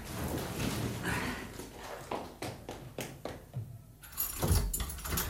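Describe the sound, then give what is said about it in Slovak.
A small bunch of cloakroom keys jingles and clinks in short bursts as they are handed over, with soft handling and shuffling noises around them and no one speaking. “Tam sú kľúčiky od šatne.”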